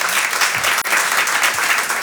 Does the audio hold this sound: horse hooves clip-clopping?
no